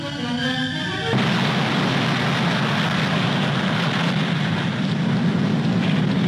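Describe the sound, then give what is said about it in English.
Britain's first atomic weapon test explosion, set off on barren, uninhabited rocky islands: after a second of quieter tonal sound, a sudden loud roar bursts in and rolls on as a steady, dense rumble to the end, with no voices. “This was the place chosen to explode Britain's first atomic weapon.”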